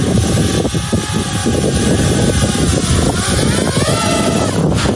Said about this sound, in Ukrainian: Ось так пілоти FPV відточують свою майстерність на навчально-тренувальних польотах. Дрону вони мають пройти всю смугу перешкод.